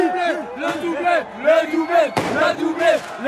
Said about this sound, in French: C'est la fin de la séance de tir au but, ça se joue maintenant. Entendez le chant des supporters de cette petite rue Raymond Losserand dans le 14e arrondissement. On est comme au stade.